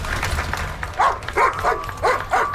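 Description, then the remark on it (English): A police service dog, Leroy, barks several times in quick succession, sharp, over a low steady rumble of background noise, in Alberta. “Constable Ryan Avery and police service dog Leroy.”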